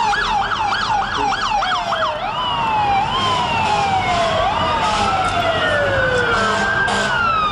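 Emergency sirens wail loudly and continuously, one with a fast rapid up-and-down yelp at first, overlapping with long slow rising and falling wails, under steady traffic-like background noise.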